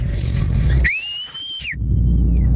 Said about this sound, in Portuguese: Bom assobio. Fez eco, cara. Fez repete eco aí.